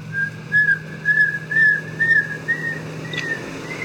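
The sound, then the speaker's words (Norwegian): A series of about seven short, clear whistled notes of a Eurasian pygmy owl in quick, even succession, each slightly higher than the last, with a steady low hum in the background. “Så tar vi den aller minste. Den sånn. Spurvugle.”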